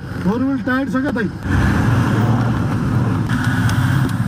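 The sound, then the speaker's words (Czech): A Toyota off-road vehicle's engine drones steadily as it climbs a steep, narrow unpaved mountain road of sharp stones, under 4 metres wide, grinding over the rough surface with rumbling road noise throughout; a brief voice is heard at the start. “Tohle je teprve začátek a jistota, že sklon ani povrch nemůže naše Toyota zvládnout, mě rychle přešly.”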